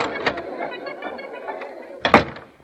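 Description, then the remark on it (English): A door leading backstage opens with a soft rattle and creak over a low murmur, ending in a louder clunk as it swings or latches near the close. “I'll get in this door.”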